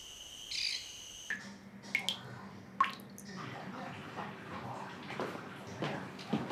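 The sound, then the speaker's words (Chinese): A few sharp, plinking water drips fall from a household tap at irregular intervals, left dripping on purpose rather than broken, fairly clear, over a steady low hiss with no talking. “老太太，你们家水龙头坏了？哎 呀，水龙头没坏，是你爸在偷国家的水。”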